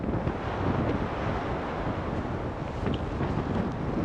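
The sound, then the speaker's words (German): Hurricane-force storm wind on the coast of Greenland, with gusts of about 110 to 120 km/h, roars continuously, battering the microphone with a dense, loud rumble that surges in gusts, with a hint of surf beneath and no voices. “Das sind jetzt Böen, das ist jetzt dieses Orkantief. Die sind so bei 110, 120 Kilometer pro Stunde.”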